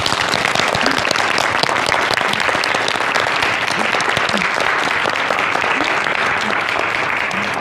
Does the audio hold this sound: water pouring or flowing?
no